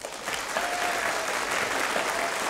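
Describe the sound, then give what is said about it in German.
An audience claps for the band (Kapelle) when asked to vote by applause: steady throughout, a dense, even wash of many hands with no break in the rhythm, fairly loud and with no voices standing out above it. “Publikum, was finden Sie das Größte? Die Kapelle oder Auto oder Glatze oder das? Mal eben hören. Glatzen Sie mal für die Kapelle.”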